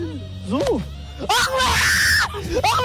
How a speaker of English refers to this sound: Actually, that's not the girl screaming. That's the idiot guy screaming, I think. I just realized that. What? I thought that was the girl. That's the guy screaming.